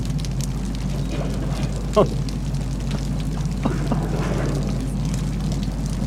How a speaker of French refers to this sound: Un bruit de l'eau, hein. Comme une cascade. Moi, j'entends.